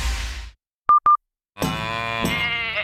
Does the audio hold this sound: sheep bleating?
yes